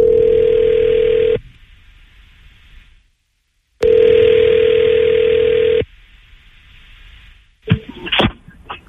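Two long, steady telephone ringback tones sound loud as radio station New Country 103.1 phones a listener, separated by a short pause, followed by a quiet hiss and a few clattering clicks as the line is picked up.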